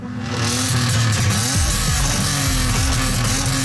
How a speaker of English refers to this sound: We know that noise from mufflers can travel 1 to 2 to even 4 kilometers. That's a huge impact that is happening.